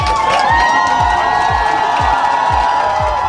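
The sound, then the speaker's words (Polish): A big crowd of Polish volleyball fans roars and cheers loudly and continuously, greeting their team as European champions with shouts of "100 lat" and "dziękujemy", voices blending into a dense wall of sound, with a steady rhythmic thumping of drums or stomps repeating about twice per second underneath. “Polscy kibice były głośne okrzyki 100 lat i gromkie dziękujemy.”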